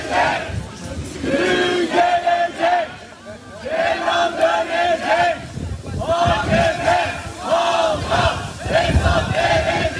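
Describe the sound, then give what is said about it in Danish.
A large crowd outside a courtroom in Turkey shouts and chants after the day's verdict in loud, rhythmic bursts, many voices rising and falling together in repeated waves with no clear individual words. “Vi kan lige prøve at høre lidt af stemningen uden for retssalen i forbindelse med dagens dom, for det var en stor historie i Tyrkiet.”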